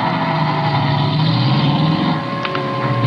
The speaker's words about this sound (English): For when I peeked over the top of the stairs, he was in his car and going.